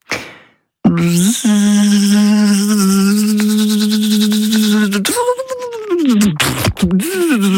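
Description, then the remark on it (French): A person imitates a mosquito with a sustained, nasal, buzzing hum held at a steady pitch for several seconds, then it wobbles, dips and breaks off into uneven, sputtering bursts. “Oh non, je ne sais absolument pas faire le moustique.”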